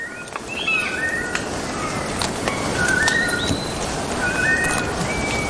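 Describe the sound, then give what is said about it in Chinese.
An antthrush sings a series of short, clear whistled notes, some rising and some falling, over a steady, loud wash of forest insect and background noise. “立顶蚁冬的鸣唱是这片森林中”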